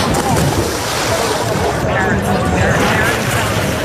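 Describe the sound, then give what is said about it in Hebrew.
A typical school-day break outdoors on a riverbank in the heart of Amsterdam: a steady, loud wash of children's overlapping chatter and shouts mixed with splashing water and wind noise, with no single voice standing out. “כך נשמעת הפסקה טיפוסית מיום הלימודים, לגדות נהר בלב הבירה ההולנדית.”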